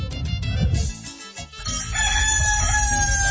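A rooster lets out a single loud, drawn-out crow, rising and then holding a long strained note, after a brief stretch of rustling, scuffling noise.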